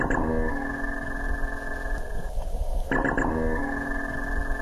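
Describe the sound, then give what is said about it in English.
A minke whale vocalization from minke whales in the Gold Coast Seaway: a buzzy, metallic, steady tonal drone with layered harmonics, broken by bursts of rapid pulses at the start and again midway, with no voices present. “So that's what a minke sounds like.”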